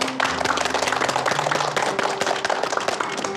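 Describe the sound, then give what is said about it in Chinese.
A group at a Huntington's disease sharing session claps steadily for a few seconds for a patient and the spouse caring for them, the dense, even patter of many hands filling the whole clip at a fairly loud, constant level with no talking over it. “我们舞蹈症患者离不开家属悉心的照顾，让我们给他们二位鼓鼓掌。”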